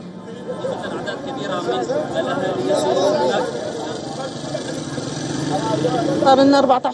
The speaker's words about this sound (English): Well, shortly after the verdict became public, Syrians gathered outside the Damascus Justice Palace to celebrate with chants, applause and national flags.